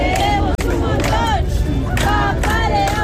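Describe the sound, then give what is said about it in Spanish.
A crowd waiting outside the Embassy of the Holy See in Madrid to see Pope Leo XIV cheers and chants in loud, rhythmic bursts. Many voices rise and fall together over a constant roar of babble, with a brief drop in sound early on. “Fuera, todavía hay quienes esperan con paciencia para ver de nuevo a León XIV cuando salga de la Embajada de la Santa Sede en Madrid.”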